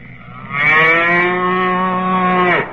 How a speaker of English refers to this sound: a cow? You're going to put a cow in our backfield?